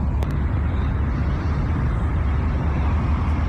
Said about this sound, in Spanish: Bueno, ahí esos son los autos, ¿no?